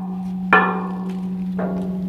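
Two resonant strikes on a stele of an outdoor sculpture, a square stone column about 6-7 metres tall resembling a broken organ pipe, ring out like a church bell, each a sharp metallic-sounding onset with rich sustained overtones that slowly fade; the second strike is softer, over a steady low hum.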